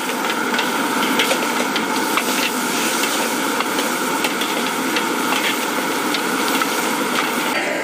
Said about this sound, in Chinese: 酸豆角倒进锅里，热油一激，酸味窜上来，酸香和肉香在高温里反复融合，翻炒再翻炒，青红椒碎最后下锅，配色也是提味儿。